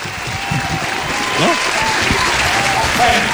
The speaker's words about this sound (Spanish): Un aplauso para ….